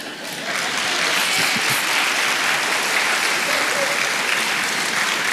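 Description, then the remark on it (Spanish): A large audience bursts into steady, dense applause that starts abruptly and holds at a strong, even level for several seconds, with a faint murmur of voices underneath. “Ningún aplauso ahora, ¿eh?”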